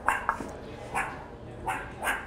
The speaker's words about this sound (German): Keine Frösche, sondern die Erdmännchen. Und hungrig wie die Wölfe.